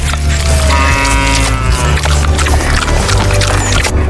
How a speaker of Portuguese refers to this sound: Sai pra lá, boi velho. Se aquieta. Eita lasqueira no pé da goiabeira. Boi bravo.